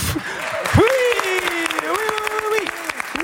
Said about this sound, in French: Et encore des applaudissements pour celui qui vient nous rejoindre en studio.